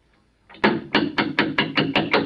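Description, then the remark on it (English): Six firm knocks on a wooden church vestry door in a steady, even rhythm, loud, with no voices. “I think that's probably him now. Come in. The vestry door's not locked.”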